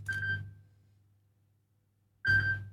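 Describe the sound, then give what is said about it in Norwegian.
A telephone rings in two short electronic bursts separated by a pause of about two seconds, each a bright, warbling tone over a low hum, with no one talking. “Det ringer, det ringer.”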